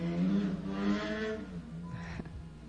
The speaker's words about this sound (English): There was a little pause. I was letting the motorcycles go by. They're pretty loud. I don't know if it translates out there into the radio land, but in the headphones, they're pretty loud.